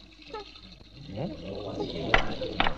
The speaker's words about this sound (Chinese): 楼下关水龙头！你们想造反呐？明知道我起床要洗脸，干嘛把水开那么大？